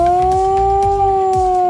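A modulated civil defence alarm siren, the signal announcing an alarm, wails loudly on the main market square in Kraków, Poland, during a national response training. It has a steady, piercing tone that sways slightly in pitch, while faint rhythmic thumps sound underneath. No one speaks.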